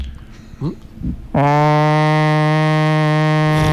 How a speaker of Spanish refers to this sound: Y venía una embarcación y pusieron a sonar una famosa sirena marítima, ¿no? Sí, sí sabe cómo suenan esas sirenas, ¿no?